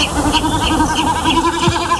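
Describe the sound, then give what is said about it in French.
A reed-dwelling marsh bird's goat-like bleating sound, made during its courtship display flight and coming from the sky above marshes; a steady, wavering tremolo hum pulsing quickly throughout, fairly loud and clear with no voices over it. “En fait, c'est un oiseau des roseaux qui le produit en plein vol de parade.”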